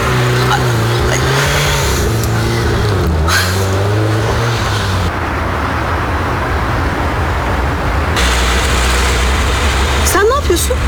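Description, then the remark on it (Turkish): A car engine rumbles steadily, its pitch rising and falling as it revs and drives off, with voices briefly heard over the continuous motor noise. “Nereden buldun bu arabayı? Gidiyoruz.”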